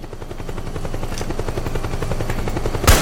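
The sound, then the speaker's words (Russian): In a video game, a helicopter's rotor thumps steadily throughout, with rapid bursts of gunfire layered over it and a sharp, loud blast near the end. No one speaks. “А скоро вертолеты кончатся, а?”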